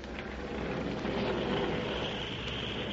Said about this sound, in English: There's an airplane flying around this room.